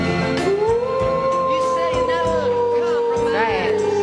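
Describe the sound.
A person imitates a wolf, giving a long, drawn-out howl that rises, holds steady for a few seconds, then wavers at the end, loud over a rhythmic music bed.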